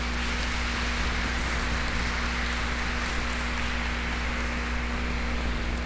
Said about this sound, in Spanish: Demos a ellos un fuerte aplauso.